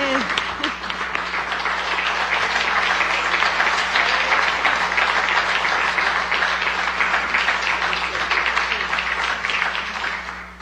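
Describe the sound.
Sustained applause from a large audience at a recognition event, greeting the director of SER TV, next year's host: a dense, steady wash of many hands clapping at a fairly even loudness for about ten seconds, with faint voices mixed in.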